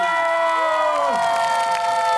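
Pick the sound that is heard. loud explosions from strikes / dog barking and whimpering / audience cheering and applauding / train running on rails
audience cheering and applauding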